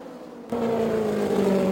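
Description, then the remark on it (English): Janet Guthrie's green and white race car roars past low on the inside, its engine jumping abruptly to a loud, steady drone with a strained, slightly rough tone and a gently falling pitch. No one speaks. “The engine does sound a little sour”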